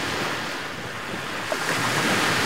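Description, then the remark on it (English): Steady wash of ocean surf rolling onto a long sandy beach at Playa San Francisco in the early morning, a broad continuous roar with gusts of wind buffeting the microphone, swelling slightly louder toward the end. No voices. “Even before 7 a.m., beachgoers are arriving at Playa San Francisco to enjoy a morning swim or set up chairs.”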